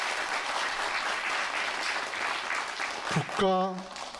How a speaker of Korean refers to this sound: 멋진 무대를 열어주신 서울 소리 보존회 여러분에게 다시 한번 큰 박수 보내드리겠습니다.